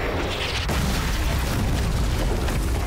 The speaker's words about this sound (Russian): Выстрел сорокопятки ликвидирует пулеметное гнездо.